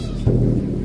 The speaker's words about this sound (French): C'était les pigeons, les animaux de la soirée totémique.